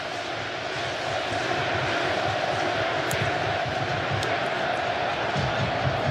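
A large stadium crowd roars and chants to give its team a lift, in a steady, dense wall of sound that stays loud and constant throughout, with no single voice standing out.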